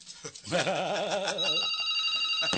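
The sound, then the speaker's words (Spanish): A telephone rings loudly, a warbling, trilling tone that settles into a steady high-pitched ring lasting a couple of seconds, with no talking over it. “Ah, no sirve el teléfono”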